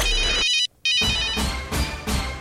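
A cell phone ringtone plays loudly as part of the Serra Dourada radio phone promotion in Goiás, with bright, repeating electronic tones, briefly cutting out before continuing in rhythmic pulses, with no talking over it.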